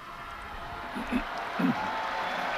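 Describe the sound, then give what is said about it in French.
Steady applause from a large crowd of the faithful for the Pope after he recites the Angelus prayer, a continuous wash of clapping with brief murmurs of voices rising through it. “Le pape a donc récité la prière mariale de l'Angélus, il est applaudi par les fidèles.”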